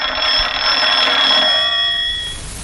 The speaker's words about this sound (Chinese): 哎，啊，团长电话。